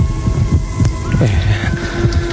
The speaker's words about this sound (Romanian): Ce lume ciudată în adâncul acestei ocne de sare. Totuși, ceva ciudat se petrece aici. Aud răspunzând prin pereții muntelui o inimă. Ba aud două bătăi de inimă.